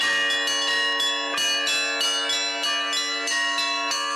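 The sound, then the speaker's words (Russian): Church bells are rung by bell-ringers from the Nizhny Novgorod Metropolis at a festival, ringing out loudly in a rapid, steady peal, each new strike landing over the still-humming tones of the last to build a dense, layered clangor, with no voices. “Свое мастерство демонстрировали звонари из Нижегородской метрополии. Они с удовольствием делились с гостями секретами колокольного звона.”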